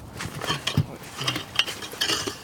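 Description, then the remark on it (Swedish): Sawing through ice to widen a small hole: a series of rough, scraping rasps in short irregular strokes, with occasional hard knocks and crunchy, gritty texture, and no talking. The ice is only two to three days old. “Så ska se om jag kan såga upp det lite grann.”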